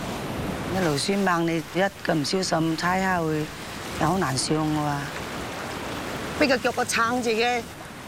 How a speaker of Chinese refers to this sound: 他们在不停翻涌的海浪里对抗着潮水。